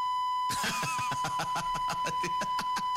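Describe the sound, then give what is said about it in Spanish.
A steady, high-pitched TV technical-difficulties beep tone, like the one from The Simpsons, sounds throughout, joined after half a second by a fast, regular pulsing clatter that repeats several times a second beneath it. “Tenemos las dificultades técnicas de los Simpsons, cuando los Simpsons se quedaban sin programación.”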